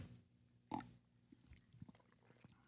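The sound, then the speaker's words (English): A single noisy slurp of hot River Moon coffee being sipped, followed by faint small clicks and soft mouth sounds in otherwise quiet surroundings. “Sip River Moon.”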